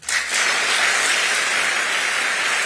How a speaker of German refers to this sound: Es folgen 2 Minuten Applaus und Standing Ovations.